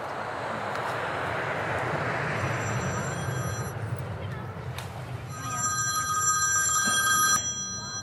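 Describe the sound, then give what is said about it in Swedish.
Two bursts of a phone's ringing tone, as heard on an outgoing call made from an airport, sound over a steady, loud roar of background noise, the second ring a little louder and longer. “Nu ringer hon på flygplatsen.”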